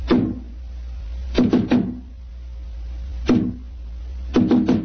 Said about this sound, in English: Who knocks? Number 7. Give the password.